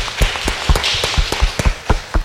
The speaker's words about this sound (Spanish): Vamos a darle un fuerte aplauso al niño, que Dios lo bendiga.